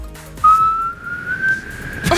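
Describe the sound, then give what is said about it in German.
A person whistling a simple children's melody holds one clear, sustained note that slowly glides upward for over a second before breaking off, fairly loud, with no talking. “Ja, aber ich könnte es machen. Alle meine Entchen klingt so.”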